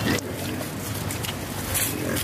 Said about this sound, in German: Rund 30 Schweine grunzen fröhlich, als Ayman einen Eimer mit Essensresten über den Zaun wirft.